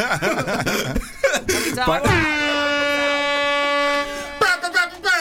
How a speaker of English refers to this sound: Why are you trying to press the buzzer for the pineapple?